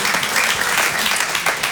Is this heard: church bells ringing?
no